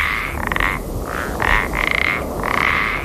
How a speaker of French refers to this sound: Si, bien joué, bravo, bonne réponse, c'est un crapaud. Le pélodite ponctué, ben voilà